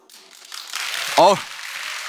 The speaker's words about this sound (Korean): 박수! 이 타이밍 아닌데 막 나오네요.